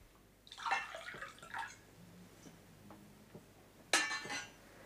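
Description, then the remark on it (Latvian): Wine gurgles and splashes into a glass in a couple of short pours, with a sharp glassy clink near the end. Fairly quiet, with no voices. “tev ielies vīnu.”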